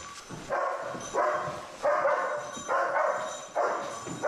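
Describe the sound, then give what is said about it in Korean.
Hangyeol, a German shepherd rescue dog, barks repeatedly after finding a missing person during a building search, as trained to bark until given a command: about six sharp, mid-pitched barks in a steady, insistent rhythm, fairly loud with no voices over them. “명령이 있기 전까지 짖어서 알리도록 훈련받았다.”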